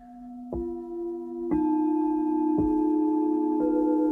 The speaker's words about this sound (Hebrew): או שאתם יכולים רק להקשיב בעצם לצלילים ולהתבונן בצלילים של הקערות טיבטיות.